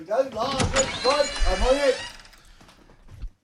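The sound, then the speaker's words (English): A voice sounds at first, then a door to the outside world in Berlin, opened at the press of a button, opens with a soft mechanical whir and rattle, ending in a short clunk. “So I'll go and open the door to the outside world.”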